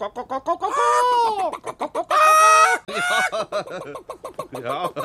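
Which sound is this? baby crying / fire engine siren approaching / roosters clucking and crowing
roosters clucking and crowing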